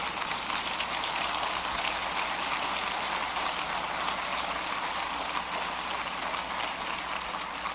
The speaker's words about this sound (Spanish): Aplaudan si tienen ganas.